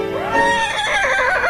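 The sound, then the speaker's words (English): A person imitates a horse's whinny, a loud, wavering call that rises and then trembles up and down for about a second and a half. “It's not Farlap, it's me.”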